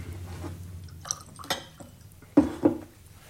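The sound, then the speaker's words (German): A glass of water is handled: a few light clinks and taps, a short trickle of water, then two sharper knocks as the glass is set down, as water is fetched for a man suffering a severe attack. No one speaks. “Geben Sie mir einen Schluck Wasser.”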